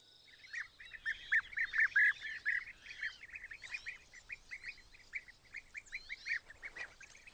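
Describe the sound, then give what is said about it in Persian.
A flock of male bee-eaters, just arrived from Africa, calling together at their nest burrows in the ground near the sea in Europe, a steady stream of short, rolling chirps overlapping from several birds, busiest early on and continuing throughout with no voices. “این پرندگان زنبورخوار مذکر به تازگی از افریقا به اینجا رسیدند و دفعتاً به لانه ها پناه میبرند که از ماها به این سو ترک شدند.”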